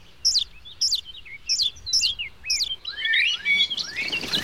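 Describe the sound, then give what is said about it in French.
Tiny, pink, naked blackbird nestlings begging for food with a rapid series of high, thin, repeated calls, steady at first and then rising into a more frantic overlapping chorus, with no speech. “Ils réclament. Ils n'arrêtent pas d'appeler.”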